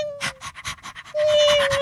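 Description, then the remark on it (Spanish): A small dog pants in quick, rhythmic breaths, with a thin, high whine running beneath the panting at the start and again near the end. “Y un perrito y una gatica.”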